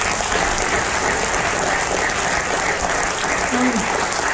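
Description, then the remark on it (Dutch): Steady applause from a theater audience at Theater Blariken, given for the theater's staff, a dense wash of many hands clapping continuously at an even level with no pauses for several seconds. “Nog een hartelijk applaus voor die medewerkers.”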